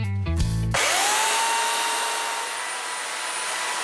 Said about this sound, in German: Das ist ein absoluter Flow. Für mich ist es Freiheit pur, die Kettensäge anzuschmeißen, mir zu überlegen, was ist in diesem Stamm für mich drin.